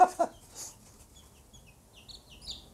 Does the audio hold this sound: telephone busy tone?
no